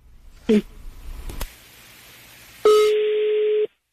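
A brief dialing beep and a couple of clicks over faint line hiss, then a steady electronic ringback tone sounds for about a second as a prank phone call connects on the Panda Show.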